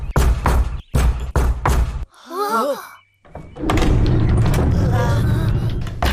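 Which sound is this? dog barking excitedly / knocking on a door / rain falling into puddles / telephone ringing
knocking on a door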